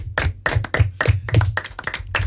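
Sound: applause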